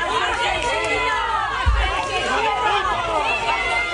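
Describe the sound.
A dense crowd of many voices shouting and clamoring over one another, loud and continuous, with a single heavy thump cutting through the din partway through.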